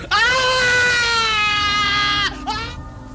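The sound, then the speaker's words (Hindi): A patient, whose wound is being cauterized with a hot iron rod by a blacksmith, gives a loud, anguished scream of pain. It holds for about two seconds before breaking off, then a shorter strained cry follows, with no talking. “जले हुए मांस की बदबू और रोगियों की दर्दनाक चीखों से लुई पाश्चर घबरा गए।”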